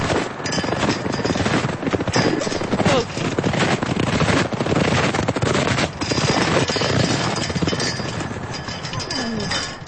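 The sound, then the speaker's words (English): Strong wind buffets the microphone throughout on a windy spring day at Marion Gulch, a loud, continuous rushing roar broken by rough, crackling gusts with no pauses. “Sounds from a windy spring day at Marion Gulch.”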